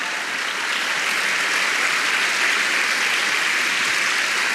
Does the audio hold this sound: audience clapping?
yes